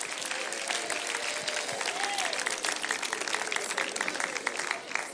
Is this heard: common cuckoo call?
no